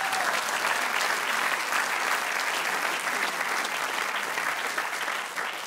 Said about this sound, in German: Da klatschen alle, die damals beim Bau nicht verstorben sind. Das ist schön.